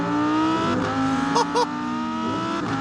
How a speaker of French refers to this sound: V10 atmosphérique, 610 chevaux, 565 Nm de couple. Mais le mot principal pour moi ici, c'est atmosphérique. Ça hurle. L'échappement est extrêmement court vu que le moteur est central arrière. Écoutez ça.